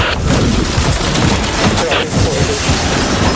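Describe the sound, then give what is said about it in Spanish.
A loud, continuous effect of a helicopter crashing down: dense roaring noise with heavy low booms and rumbling impacts that fill the whole moment without any pause, overpowering. “Me ha caído el helicóptero encima, pero estoy con unos auriculares y con un casco especial intentando que nada no se distinga.”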